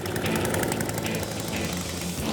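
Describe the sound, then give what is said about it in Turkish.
An old gas-powered Toro snowblower engine sputters and roars, a loud, rough, rapid chugging that holds steady throughout with a buzzy mechanical rattle and no voices. “Bakalım çalışıyor mu? Çalışıyorsa rahat 500 dolar eder.”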